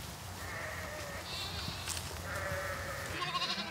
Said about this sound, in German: Und dann kommen auch schon die Schafe an.